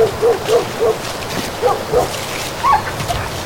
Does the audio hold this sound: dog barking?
yes